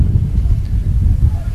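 Wind buffets the microphone outdoors at a football game in Council Bluffs on a windy, warm day of 84 degrees, a loud, steady low rumble that churns and gusts unevenly for the whole moment without easing.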